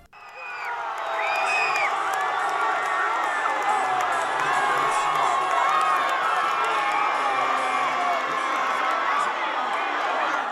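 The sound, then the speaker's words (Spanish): A large crowd of football fans in Ceuta, at La Ribera, cheers and shouts continuously after the final whistle of Spain's World Cup win over Argentina, a dense, loud roar of overlapping voices with high whoops rising above it throughout. “Así ha sido la reacción de muchos ceutíes tras el pitido final en la Ribera.”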